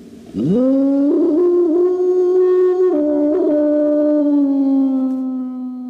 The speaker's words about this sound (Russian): Должно быть, вы поняли, о чем воет дикая собака.